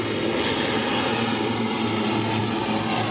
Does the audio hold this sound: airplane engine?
yes